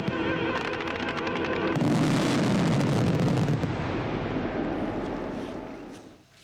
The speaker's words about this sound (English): It was big and powerful. The fireworks were on a huge scale. They were incredibly impressive.